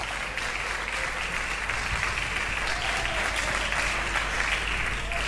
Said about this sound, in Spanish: Puede tomar asiento y dele un aplauso fuerte al Señor.